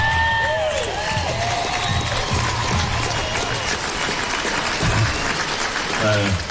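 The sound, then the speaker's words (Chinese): A crowd applauds steadily, welcoming a Suijiang Banbianhong plum growers' representative onto the stage to speak after a plum contest auction; a dense wash of clapping with scattered cheers and voices mixed in, loud and continuous for several seconds. “接下来，掌声有请绥江半边红礼重视代表”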